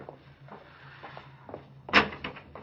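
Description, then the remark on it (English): A street door is unlatched and pulled open: a few soft clicks and rattles, then a sharper knock of the latch and a short creak, over a low steady hum. “Go out first, Pop, and open the street door.”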